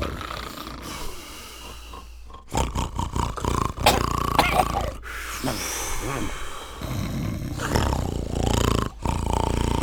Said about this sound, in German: Sie saßen alle um den Wohnzimmertisch und schliefen und schnarchten vor sich hin.